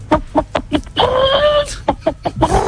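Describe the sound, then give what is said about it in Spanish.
A person imitates a hen's egg-laying cackle: a quick run of sharp clucks, one long drawn-out squawk, then more rapid clucks, loud. “Ese lo clava, pero ha dicho que cuando está poniendo huevo, ¿no?”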